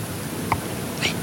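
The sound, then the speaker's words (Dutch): Two short, high squeaks from at least two young owls begging for food by a barn, spaced about half a second apart, faint against a steady background hiss. “Hoor je hem? Ja, oh ja, dat gepiep. De bedel roepen.”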